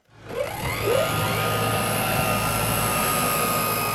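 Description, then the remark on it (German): A drone's motors spin up within the first second, with rising pitch, then settle into a loud, steady whirring hum without any talking, as the drone is prepared for takeoff at the small Norden-Norddeich airfield on the coast of Lower Saxony, Germany. “Vorbereitung eines Drohnenstarts auf dem kleinen Flugplatz Norden Norddeich an der Küste Niedersachsens.”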